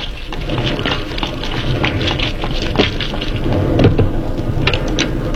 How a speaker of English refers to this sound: Good Lord, it's pelting with rain. Yeah, let's make a dash for it.